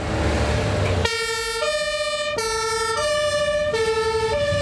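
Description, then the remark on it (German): A St. Ingbert fire brigade engine, a Kehle 4000 carrying 5,000 litres of water, arrives; its loud two-tone siren cuts in after a second of engine rumble, alternating steadily between a higher and a lower wailing pitch. “Aber es gibt ja zum Glück die Feuerwehr in St. Ingbert.”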